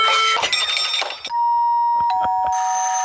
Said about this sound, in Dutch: Deurbellen dus eigenlijk. Ja, deurbellen. En doorbellen.